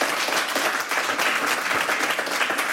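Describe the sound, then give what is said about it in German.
A crowd applauds steadily, many hands clapping in a dense, continuous wash of sound at even volume throughout, with no voices breaking through; the applause welcomes the managing director of the Globe Berlin theatre. “Und davon berichten soll uns nun jemand, für den ich Sie um einen großen Applaus bitte.”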